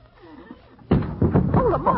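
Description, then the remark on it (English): After a quiet moment, a heavy wooden door with no hinges topples and crashes flat onto the floor with one loud, sudden thud and rattle, then voices break out. “I neglected to notice that there were no hinges.”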